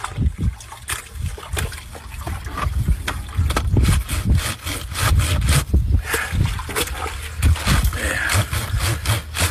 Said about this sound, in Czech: A teď jdeme prát. Použil jsem asi 70 let starou valchu a jako prací prostředek jedlou sodu, smíchanou s vodou.